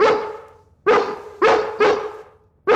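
A dog barks five times, loud sharp woofs in an uneven rhythm, each bark trailing off briefly before the next, with no voices.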